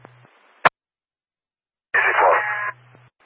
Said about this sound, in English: She's no longer responding, and there's just a bird screaming in the background.